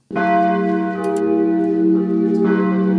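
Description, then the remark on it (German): Church bells ring out loudly, a sustained metallic tone with layered overtones, a fresh strike swelling the sound near the end; no voices are heard. The rescued bells, once in the tower of the Church of Reconciliation, now ring in a wooden frame on the former death strip at Bernauer Straße in Berlin. “Jetzt läuten die geretteten Glocken mitten auf dem ehemaligen Todesstreifen in einem Holzgerüst.”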